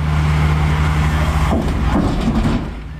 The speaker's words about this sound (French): ça doit te réveiller, puis pas à peu près, surtout quand il y a des poids lourds là, qui passent là, sur cette plaque-là en question.